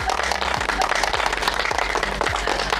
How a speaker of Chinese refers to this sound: 有请今天的第一批试骑体验官，掌声欢迎大家。